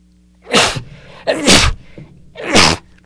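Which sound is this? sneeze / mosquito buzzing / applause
sneeze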